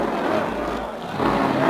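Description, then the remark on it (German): A loud, steady roar of a supercharged race car speeding around the Avus racetrack in Berlin, its engine noise dense and unbroken for under two seconds, swelling slightly toward the end with a rushing, crowd-like wash behind it. “Ah, wie der Wind rast er dahin. Jetzt hat er den Kompressor drin.”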